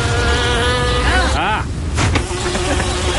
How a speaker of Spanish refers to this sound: No entró una mosca al estudio, ese es el audio del trailer.